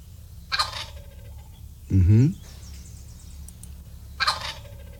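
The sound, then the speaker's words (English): A turkey gobbles in three short bursts spaced a couple of seconds apart, the middle one loudest and deepest, with nothing else but faint background noise. “It's so hard to tell the difference between the two turkeys, really, is what it all comes down to.”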